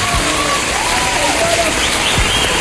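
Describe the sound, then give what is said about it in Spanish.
An audience claps continuously in a dense, steady roar of many hands, with crowd voices and a few whistle-like cries mixed into the applause. “Un aplauso para el segundo, Rosario.”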